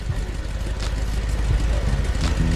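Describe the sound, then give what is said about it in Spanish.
A car engine idles with a steady, low rumbling hum, fairly loud, holding an even level throughout with no revving; its right fuel injector runs better than the left. “El inyector derecho está mejor que el izquierdo. Si quieres mejorarlo, corrige la unidad de control.”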